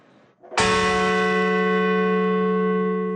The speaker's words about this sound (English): Outside Shanksville, Pennsylvania, bells tolled for the 40 passengers and crew of Flight 93.